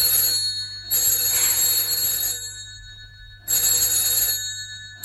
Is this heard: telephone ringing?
yes